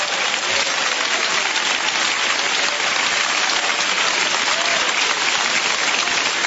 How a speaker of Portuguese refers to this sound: Amém, Senhor Jesus, amém. Podem bater palmas para Jesus. Amém.